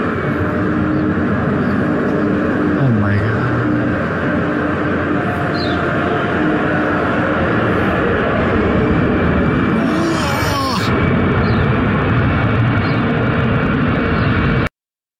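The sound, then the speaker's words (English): A loud, steady roar of a pair of Airlink Embraer 190 commercial jets making a low-altitude flyover, about 40 feet, of the packed 55,000-capacity DHL Stadium in Cape Town moments before kickoff, with a high engine whine and a brief surge of noise near the end over a dense crowd-like rumble. “The pair of Airlink Embraer 190 commercial aircraft performed a low altitude flyover of the 55,000 capacity DHL Stadium moments before kickoff.”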